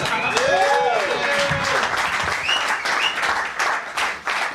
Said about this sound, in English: Round of applause. Yes.